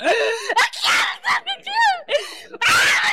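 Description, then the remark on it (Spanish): A person screams and wails in loud, strained bursts with sharp breaks between them, the cries rising and falling in pitch, raw, during a deliverance service at the Pentecostal church La Cosecha. “Oye, Satanás, ¿qué te está pasando? ¿Por qué gritas?”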